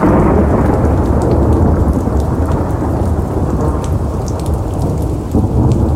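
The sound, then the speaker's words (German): Heavy rain pours steadily while deep thunder rumbles continuously underneath, a loud, dense storm filling the whole scene with no voices present. “Ein ohrenbetäubender Donner zerriss die Stille, als ich langsam die schwere, eisenbeschlagene Tür aufdrückte.”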